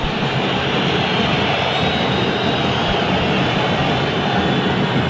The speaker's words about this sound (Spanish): Escuchemos los silbidos y ahora seguimos.